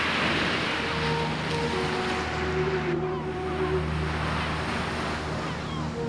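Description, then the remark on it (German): Sea waves on the Black Sea coast wash in a steady, unbroken rush of surf, evenly loud for the whole stretch, with a faint low droning hum running underneath. “Und im Osten das Schwarze Meer.”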